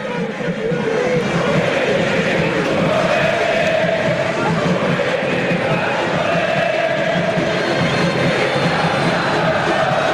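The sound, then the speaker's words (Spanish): A football stadium crowd at an Argentinos versus Tigre match roars and cheers continuously, a dense, loud wash of many voices holding steady throughout with a rumbling, chanting quality and no individual words standing out. “Muy atrás Argentinos, fíjate esta foto del partido, Nacho, y escuchá a la gente.”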